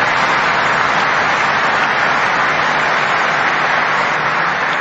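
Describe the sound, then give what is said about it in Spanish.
An audience at the Basilica in the Diocese of Cacupé applauds steadily to welcome visiting priests from Argentina and Panama, a dense, even wash of clapping that holds at full volume for about five seconds with no voices rising above it. “Le recibimos con un caluroso aplauso a nuestros invitados.”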